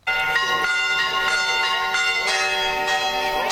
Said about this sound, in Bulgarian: Камбанен звън извести празничния ден, в който отбелязваме рождението на Свети Йоан Кръстител.